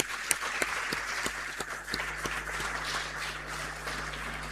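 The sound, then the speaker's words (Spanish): An audience applauds steadily for the weavers (tejedoras), many hands clapping in a dense wash with a few sharper individual claps standing out. The applause is sustained at a moderate level for several seconds with a low hum underneath. “Así que le damos un aplauso a las tejedoras.”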